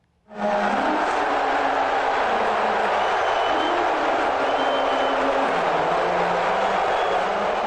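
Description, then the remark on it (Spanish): A large arena crowd at game three of the NBA Finals in New York boos the US president loudly and continuously during the national anthem, a dense roar that swells in abruptly and holds steady throughout, with a faint low melody just audible beneath it. “Esta es la primera vez que un presidente asiste a una final de este deporte y podría ser hasta ahora la única ocasión en la que es abuchado de esta manera durante la interpretación del himno nacional.”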